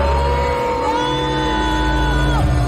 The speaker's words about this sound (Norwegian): De ble møtt av buing fra publikum.